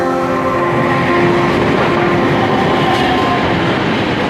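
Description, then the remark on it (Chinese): An electric train on the Lagos Light Rail Blue Line in Nigeria, the first electrified light rail in West Africa, runs by: a steady loud rumble of wheels on track layered with a sustained humming motor whine, continuous throughout with no voices. “拉各斯轻轨蓝线作为西非地区首条电气化轻轨，一期工程全长13公里，共设5座车站，设计时速80公里每小时，是当地有史以来施工难度最大的基础设施工程之一。”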